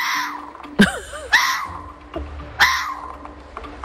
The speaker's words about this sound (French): Mais c'était bel et bien le renard qui fait ce cri.